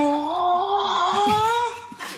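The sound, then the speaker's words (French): ChatGPT imitates a cow's moo as a panting cry, as if the cow were out of breath: one long, wavering, mid-pitched moan with a strained, breathy edge, rising slightly before trailing off into a short, airy gasp. “Salut ChatGPT, est-ce que tu peux imiter le bruit d'une vache en faisant un cri haletant comme si la vache était à bout de souffle?”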